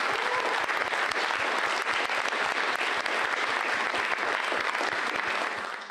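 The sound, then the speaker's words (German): An audience at a tango stage performance claps steadily to thank the Kultur- und Heimatverein Klein-Kühnau, a dense, even wash of many hands with no voices on top, holding its level throughout before easing off slightly at the very end. “Danke und bitte einen Applaus.”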